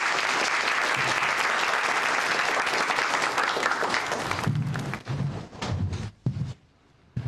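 A group bursts into sustained, dense applause, loud and steady for about five seconds, then breaks into a few scattered claps before fading out. A few voices can be heard underneath the clapping.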